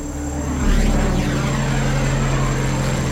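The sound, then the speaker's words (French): A loud military propeller airplane roars overhead, searching over a dense forest canopy five days after a plane crash, its deep droning engine swelling as it passes and then holding steady, with no voices present. “5 jours après le crash, les avions militaires n'ont toujours rien trouvé.”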